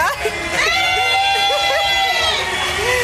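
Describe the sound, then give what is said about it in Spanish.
A dense crowd shouts and cheers continuously, many overlapping voices rising and falling in excited, high-pitched yells, loud throughout as if urging on a runner. “Ahí está la gente gritándole a Nick, mi team.”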